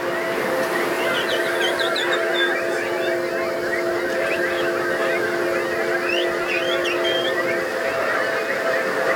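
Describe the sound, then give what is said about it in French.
A large crowd, asked by a performer to sing like birds, whistles and chirps in imitation of birds. A dense, continuous chatter of overlapping high calls over a steady low hum, loud and sustained throughout. “Est-ce que je pourrais entendre encore plus d'oiseaux?”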